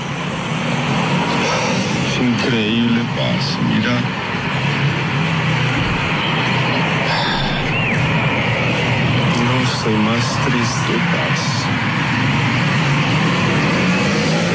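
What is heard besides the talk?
street traffic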